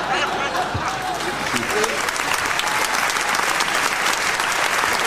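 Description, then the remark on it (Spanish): Steady, dense applause from an audience fills the whole stretch, a continuous patter of many hands clapping, with faint voices mixed in underneath. “No es para aplaudir eso.”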